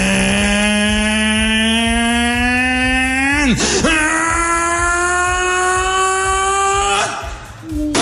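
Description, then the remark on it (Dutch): A small boat's motor drones loudly and steadily, its pitch climbing as it revs up, briefly dropping twice as the throttle shifts, with a rhythmic low thumping underneath. “Dit is wat je hoort als het bootje gaat varen.”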